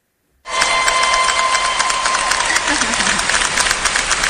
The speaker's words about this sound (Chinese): 大家有听到了吗？好，这叫提前的欢呼声。